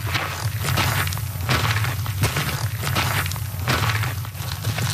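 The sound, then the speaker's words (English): Boots of people walking on foot across Canada, coast to coast, tramp along a trail in a steady rhythm, each step a gritty crunch over a constant low rumble. No one speaks. “The sound of boots on a trail, something our next guests are very familiar with.”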